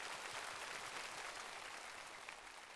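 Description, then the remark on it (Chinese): A crowd applauds the singers at the Singer 2026 finale on Hunan TV, a dense wash of many hands clapping at an even level for a few seconds with no voices on top. “我们再一次感谢所有的歌手们，也请大家稍事休息，期待各位在今晚带来精彩的表演，来掌声给他们。”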